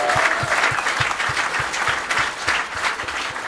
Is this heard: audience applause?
yes